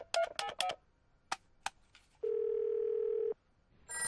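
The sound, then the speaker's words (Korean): A quick run of phone keypad beeps and a couple of clicks, then a single steady telephone ringing tone lasting about a second, clear, with no one talking, as a child calls her father's workplace to wish him a happy birthday. “엄마, 아빠 회사에 전화해서 생일 축하한다고 할까요?”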